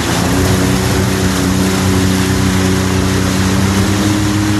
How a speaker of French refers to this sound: Tu peux accélérer un petit peu là ou... Ouais, un petit peu. Là, on peut écouter un petit peu le moteur ronronner. Ouais.